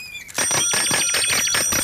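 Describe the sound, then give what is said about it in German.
A bicycle bell rings rapidly and insistently, a fast run of bright, loud metallic dings, with no voices over it. “hör auf zu klingeln!”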